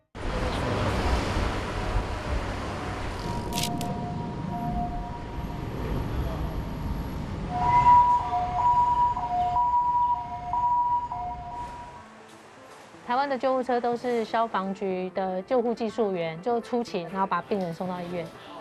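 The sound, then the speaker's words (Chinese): An ambulance siren wails over rumbling street noise, settling into an alternating two-tone pattern before cutting off; a voice then speaks in the quieter final seconds. “台湾的救护车都是消防局的救护技术员，就出勤，然后把病人送到医院。”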